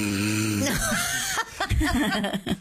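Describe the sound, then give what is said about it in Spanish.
A person imitates snoring: a drawn-out, wavering vocal groan followed by a few short, breathy snorts, with a hint of chuckling mixed in. “Está roncando.”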